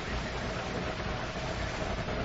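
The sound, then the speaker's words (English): A car engine hums steadily as the vehicle pulls up, a constant low rumble wrapped in broad hissing noise, holding an even loudness throughout with no voices. “It's a car.”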